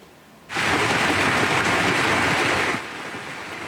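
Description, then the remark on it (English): A sudden loud burst of dense, hissing downpour as hail and heavy rain from a severe thunderstorm pound a surface in the Claresholm region of southern Alberta, Canada, lasting about two seconds before dropping back to a steady, softer patter. “See the size of that hail coming down.”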